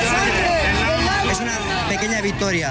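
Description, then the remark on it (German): A dense crowd of animal-rights protesters outside a bullfighting arena cheers and chants "No more blood" together, a loud, steady hubbub of many people shouting at once with rising and falling tones throughout. “Vor der Arena jubeln die Tierschützer. Kein Blut mehr, rufen sie.”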